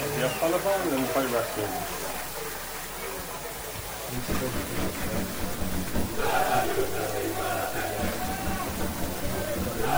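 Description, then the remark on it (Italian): Italian football fans in yellow-and-red colours shout and chant together in the stands, a dense, continuous roar of many voices making unflattering comments, swelling into louder yelling partway through and carrying across the stadium. “Si arrivano i commenti dei tifosi giallorossi non lodevoli, in realtà.”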